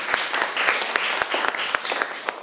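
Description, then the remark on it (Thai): An audience applauds group 1 after their artworks are presented, a steady, dense patter of many hands with sharper individual claps popping out at a fairly even level throughout, and no one speaking over it. “ครับขอเสียงปรบมือให้กลุ่มที่1หน่อยครับ”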